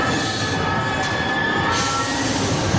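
A metro train in Paris brakes hard: a loud, steady rumble and roar with high, shrill metallic squealing held across the full few seconds, intense, with no voices.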